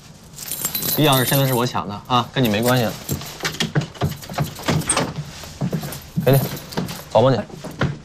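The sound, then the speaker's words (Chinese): A bunch of keys for opening a door jangles and clinks in quick metallic bursts as they are snatched and handed over, mixed in with people talking over the top. “钥匙现在是我抢的啊，跟你没关系了。给你，保护你。”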